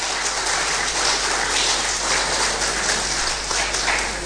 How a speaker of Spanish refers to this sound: Dale un fuerte aplauso al Rey de Reyes y Señor de Señores.